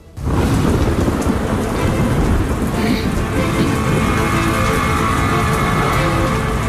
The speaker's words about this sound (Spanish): La lluvia londinense arreciaba. Aquel mes de noviembre llovió prácticamente a diario.